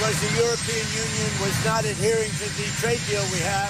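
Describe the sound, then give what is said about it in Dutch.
A helicopter engine roars steadily close by, a loud constant rumble and whine, while President Trump speaks over it throughout, explaining his raised import tariffs on cars and trucks from the European Union. “En in de buurt van zo'n helikopter legt hij uit waarom.”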